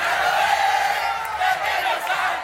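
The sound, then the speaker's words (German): A large stadium crowd of Argentine football fans roars and cheers continuously after the final whistle, a dense wall of voices with shouts and whoops rising above it, loud and sustained throughout. “Das Spiel ist abgepfiffen, die Fans der argentinischen Mannschaft kommen aus dem Jubel nicht heraus”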